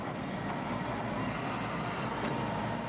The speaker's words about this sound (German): Um einen großen Höhenunterschied ohne Zahnrad überwinden zu können, fährt der Zug im Zickzack hinauf. Dabei fährt er in ein Stumpfgleis und hält an.